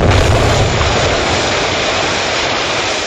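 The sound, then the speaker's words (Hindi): A loud bomb explosion in the Central Assembly Hall in Delhi, planned by Bhagat Singh, erupts into a dense, roaring rumble with heavy low-end boom, holding strong for a few seconds and easing only slightly. No voices are present. “इस बम से जोरदार धमाका हुआ।”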